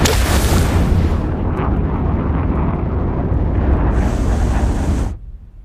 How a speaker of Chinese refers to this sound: 皓月四号已经航行到月背表面15千米的近月点，7500牛发动机开机，动力下降开始。